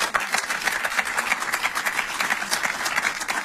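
Steady applause from an audience, a dense wash of many hands clapping at once with no pauses, fairly loud and even throughout, no voices standing out.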